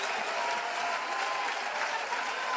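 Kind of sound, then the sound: crowd, audience applauding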